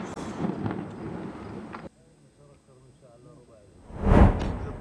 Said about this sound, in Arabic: شنت طائرات الاحتلال الإسرائيلي هجوماً استهدف منزلاً في حي الصفطاوي شمال مدينة غزة. وظهرت مقاطع مصورة لحظة استهداف الغارة منزل عائلة في شارع أحمد ياسين.